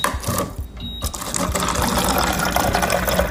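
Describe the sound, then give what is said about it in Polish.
Water gushes steadily from a free public drinking water dispenser for residents, operated by pressing, on a hot day; a continuous rush with a brief lull near the start and a faint mechanical rattle underneath. “czy gdzieś tutaj jest taka darmowa woda dla mieszkańców? Mogę gdzieś skorzystać?”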